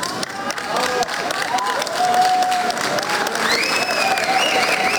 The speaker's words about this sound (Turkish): Tarihi bir başarıya imza atan 27 yaşındaki pilot havalimanında alkışlarla karşılandı.